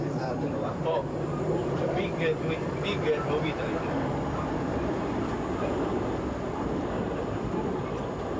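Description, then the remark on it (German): A Pendolino train picking up speed in the Po Valley, with a loud, steady rumble and rattle throughout and brief high-pitched whines rising over it early on. “In der Po-Ebene gewinnt der Zug mächtig an Fahrt.”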